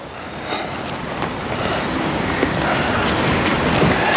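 Steady rain falls, a dense, even hiss that fills the scene at moderate volume, with a few scattered soft taps standing out. No one speaks.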